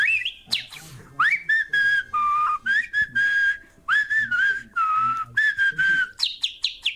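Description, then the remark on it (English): A person whistles an elaborate, bird-like melody in a voice note, with quick warbling trills, swooping notes and high chirps in short, rhythmic phrases, loud with no talking. “This is how you whistle properly.”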